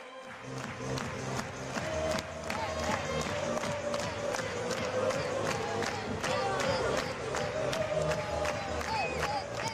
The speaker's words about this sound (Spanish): Todos a la espera, todos mirando, todos concentrados en Álvaro Morata, mientras también se animan con esas palmas los aficionados, el juego de humo, esperando a Álvaro Morata.